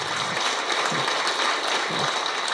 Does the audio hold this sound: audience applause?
yes